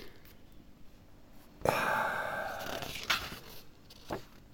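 A page turns with a loud papery rustle lasting about a second, followed by two quieter crinkles of paper; no one speaks.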